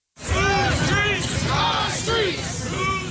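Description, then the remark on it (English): A large crowd marching down North Aurora Avenue near 102nd Street in Seattle, shouting together in rising and falling chants, calling on city leaders to stop gun violence and sex trafficking; many voices overlap into a loud, continuous roar with repeated swelling calls. “A large crowd marches down North Aurora Avenue near 102nd Street.”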